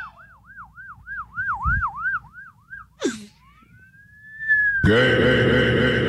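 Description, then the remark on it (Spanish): Someone whistles an imitation of a police siren: a quick warbling tone rising and falling about eight times, then a sharp breath, a long upward-sliding whistle, and a loud, harsh blaring sound. “Yo imitaba, puedo chiflar como una sirena de policía.”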